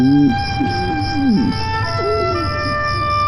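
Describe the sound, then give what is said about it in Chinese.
A man's hungry stomach growls with a few wavering, gurgling rumbles that rise and fall over the first couple of seconds, set against a steady chorus of crickets chirping in the background. “妈，叔叔肚子里有一只青蛙给那呱呱叫了。”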